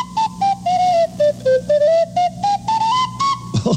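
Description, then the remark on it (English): A lone whistle, part of a one-man band, plays a string of short, clear notes, stepping down and then back up in pitch in a bouncy rhythm, fairly loud, with no voices. “And now I play the whistles. First one whistle.”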